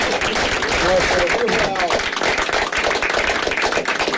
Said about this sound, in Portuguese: Aqui eu peço uma salva de palmas.